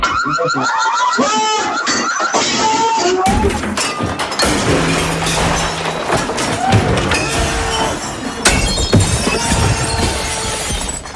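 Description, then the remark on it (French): In a rage room of about 20 square metres, dense, continuous crashing and shattering of dishes and objects struck repeatedly with baseball bats, a sledgehammer, a crowbar and a hammer during a 15-minute session, with bright glassy breaks and heavy thuds, over a loud alarm that signals the start. “Normalement, l'alarme va se déclencher et on va pouvoir tout casser.”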